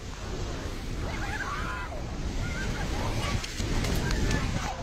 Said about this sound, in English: Video shows the force of the flood carrying off a bridge and collapsing buildings as muddy water surges through the mountains. Entire villages, roads, bridges and power stations are reported to have been swept away.